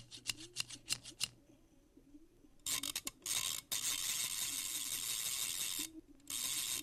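A quick series of sharp mechanical clicks and snips from scissors, then a Singer Slant-O-Matic 403 Special sewing machine whirring loudly in long bursts with a brief pause between runs. No one speaks.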